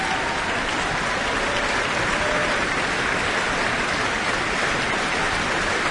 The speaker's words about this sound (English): And she's not going to get away quite yet. Further applause, and she's back on the stage.